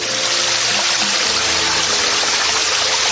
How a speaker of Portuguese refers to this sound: que se podia ouvir o borbulhar da água a correr por entre as pedras.